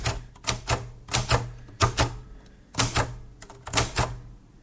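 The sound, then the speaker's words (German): The keys of a Cotessa 2 Deluxe mechanical typewriter clack in quick irregular bursts, crisp, with short pauses between clusters of strokes and a faint bell-like ring at one point, as someone types during a creative writing evening. No one speaks. “Ich habe jetzt eine Schreibmaschine vor mir.”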